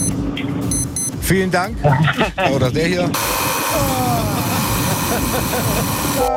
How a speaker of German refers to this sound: Ja, aber so klingt doch dein Wecker, oder nicht? Eher so wie der erste.